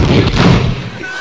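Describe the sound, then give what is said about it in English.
A bathroom door slams shut and is locked, with a heavy, booming thud, its low rumble ringing briefly before fading into a muffled hush. “Because they always win the race to the bathroom, dish. And they let you know they're locking it.”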